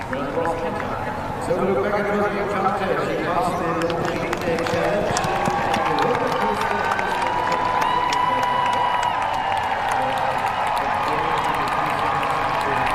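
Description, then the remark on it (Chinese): A large outdoor crowd of spectators at an equestrian cross-country competition cheers and shouts in a steady, loud roar that swells after the first second or so, with scattered clapping and whoops rising above it. “可以看到现场观众的热情和激动。”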